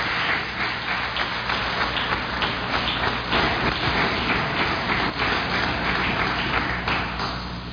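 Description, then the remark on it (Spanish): A crowd applauds in gratitude for an Italian rescue team's work after earthquakes, steadily for the whole stretch, a dense, crackling wash of many hands clapping at a fairly loud, even level that eases off slightly at the end. “Allí el agradecimiento, el aplauso por esta labor que han hecho en nuestro país y que será también reconocido por años.”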